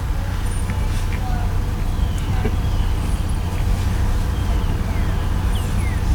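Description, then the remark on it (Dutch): An Audi car's engine rumbles loudly and steadily for several seconds, a deep droning hum with faint traffic noise over it. “Die auto had ook best te dreunen had.”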